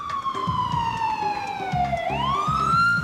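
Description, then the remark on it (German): A loud ambulance siren wails in Little Pudley, England, its pitch sliding slowly downward before sweeping back up, with a rhythmic low rumble pulsing underneath. “Ein Krankenwagen in Little Pud?”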